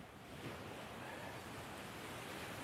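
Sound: ocean waves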